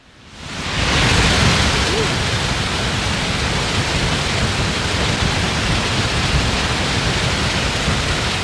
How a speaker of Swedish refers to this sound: Så här har det låtit under ekot här för bara några minuter sedan när det har forsat på. Fallens dagar i Trollhättan där man nu då öppnar de stora, vad kan det vara, betongfundament kanske på något sätt. Och det bara vräker ner och ut vatten.